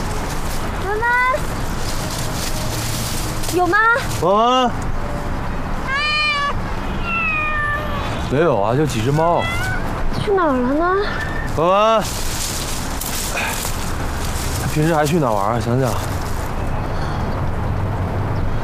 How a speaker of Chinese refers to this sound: 没有啊，就几只猫。